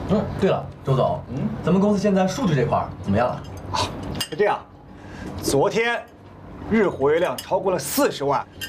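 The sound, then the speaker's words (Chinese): A few sharp glassy clinks ring out amid lively conversation around a dining table during a meal, with people talking over the brief, bright taps of glasses touching in a toast celebrating their company's comeback. “耶， 干杯！”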